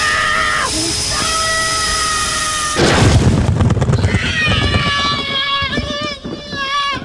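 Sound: explosion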